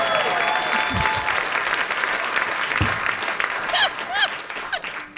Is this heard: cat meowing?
no